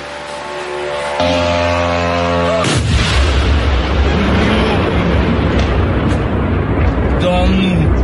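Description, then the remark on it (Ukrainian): A steady droning whine gives way after a few seconds to loud, continuous booming and crackling from Russian air defense fire against long-range drones attacking Moscow Oblast, with faint voices mixed in. “Там працювала російська ППО.”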